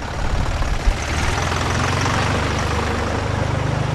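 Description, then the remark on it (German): A tractor engine runs steadily, a loud, continuous low rumble with a throbbing idle and no pauses, no voices over it. The tractor carries a piano fastened on with boards and tension straps and drives along the promenade in Meran. “So logisch, wenn ein Traktor an der Promenade gefahren kommt.”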